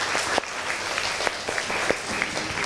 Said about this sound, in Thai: ก่อนอื่นปรบมือให้กำลังใจเพื่อนหน่อยเลย